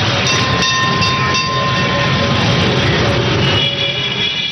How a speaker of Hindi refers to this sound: इधर ये ख्याल आया और उधर मुझे एक ट्राम दिखाई दी।